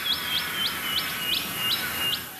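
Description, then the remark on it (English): A welcome swallow, also called Yiribin, calls in a quick, even series of about seven high, thin chirps, clear against a soft background hiss, with no voices. “by taking away the name of a bird that is interwoven with your family and your life, so that when you think of Yiribin and then hear it called the welcome swallow, it's like repeating the dispossession over and over again.”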